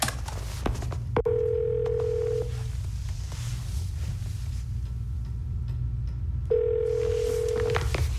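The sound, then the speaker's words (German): A phone on speakerphone: quick dialing tones, then two steady ringback tones a few seconds apart, heard over a constant low hum in a room with no talking. “Ich schalte den Lautsprecher vom Telefon an.”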